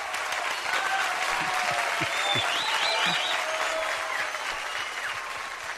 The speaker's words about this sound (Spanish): Por favor, gatito, bienvenido, pasa a tu lugar. Otro aplauso a este gatito.